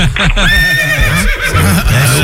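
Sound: horse neighing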